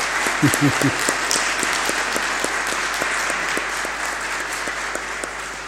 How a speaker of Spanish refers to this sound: Muy bien, le damos un aplauso a la comunidad de San Juan Bosco.